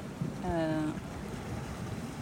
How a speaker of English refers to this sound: What about those London environments? You've been underwater in the Lee? I did the Lee and I did the canals in London. Yeah. Well, you hear a lot of boats. Yeah. It's the humans.